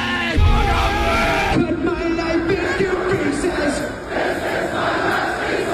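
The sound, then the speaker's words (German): A large crowd at the Rock am Ring 2026 rock festival cheers and roars continuously, a dense wash of many voices with shouts rising above it, loud and sustained throughout with a brief dip near the end. “Das war Rock am Ring 2026. Rock am Ring!”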